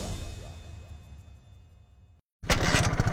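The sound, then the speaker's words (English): A motorcycle engine sputters with an uneven, pulsing rumble that gradually weakens, cuts out completely for a moment, then bursts back loud and rough. “I think the engine's stalling out on me.”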